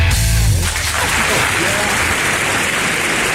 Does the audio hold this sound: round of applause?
yes